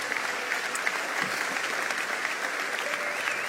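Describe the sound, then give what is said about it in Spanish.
Sustained audience applause given to Jesus during a sermon, a dense steady wash of many hands clapping at an even, moderate level for the whole stretch, with no speech over it. “Puedes darle un aplauso a Jesús en esta hora.”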